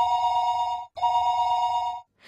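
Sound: telephone ringing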